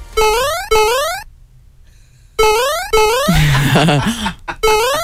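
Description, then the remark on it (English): A chiptune-style electronic ringtone made from a Mario 8-bit video game sound effect, doubled: repeated rapid rising bleeps in short bursts, with a pause and a burst of layered, chaotic synth tones in the middle. “And there's a lot of sound effects in Mario that could work really, really well, including this one.”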